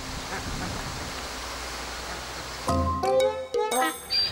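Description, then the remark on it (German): Ducks quack in a few short, nasal bursts near the end, fairly loud, after several seconds of steady rushing background noise at the duck pond. “Endlich herrscht Friede am Ententeich.”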